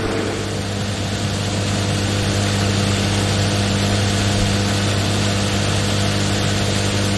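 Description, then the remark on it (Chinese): Race car engines drone steadily at low speed as cars file out one after another from the pit lane under a green pit-exit light after a red-flag stoppage, a continuous rumbling hum with no sharp revs and no voices. “赛车呢依次呢从维修区呢出来，”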